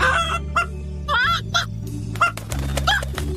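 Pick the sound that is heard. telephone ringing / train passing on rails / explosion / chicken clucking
chicken clucking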